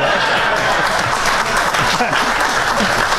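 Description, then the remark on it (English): A crowd applauds steadily and loudly, a dense wash of many hands clapping at once that holds at an even level throughout, with faint voices mixed in. “Wow, this is a passionate crowd”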